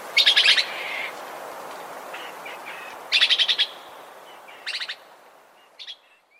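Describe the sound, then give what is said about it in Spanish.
A red-eyed antbird (hormiguero ojirrojo) trill recorded in Huila, Colombia: bursts of rapid, high notes repeat in quick pulses, with fainter calls between and a shorter final phrase, heard clearly against quiet forest background with no voices. “El trino del hormiguero ojirrojo forma parte del Banco de Sonidos de Aves Colombianas, recopilado por el Instituto von Humboldt y la Universidad de Cornell.”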